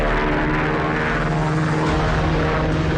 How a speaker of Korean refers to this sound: 비행기 소리가 점점 가까워졌다. 잠시 후에 전투기 두 대가 날아오더니 부대가 은폐한 상공에서 빙빙 돌았다. 드디어 전투기들은 골짜기 상공으로 날아왔다.